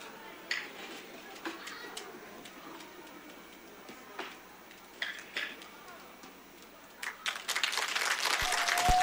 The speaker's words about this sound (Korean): 네, 우리 속초 아리랑 보존회에서 보여준 공연이었습니다. 큰 박수 다시 한번 부탁드리겠습니다.